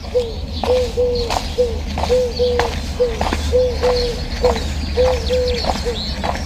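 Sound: turtle doves cooing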